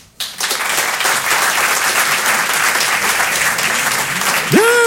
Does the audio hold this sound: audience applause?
yes